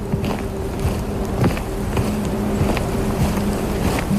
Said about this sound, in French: Du vent. Qui se cogne.